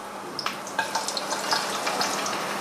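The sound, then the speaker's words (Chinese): Ginger and garlic sizzle as they stir-fry in a wok, a steady bright hiss of hot oil broken by frequent small crackles and pops, with no voices. “姜蒜下锅，炒出香味儿。”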